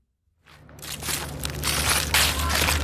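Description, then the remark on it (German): Crisp, crunching rustles of footsteps through dry fallen leaves on the Claramatte in Basel in midsummer, a steady shuffle of crackling that builds after a brief silence and continues loudly, with no talking. “läuft durchs Laub, das auf der Clara Matte zu Basel am Boden liegt.”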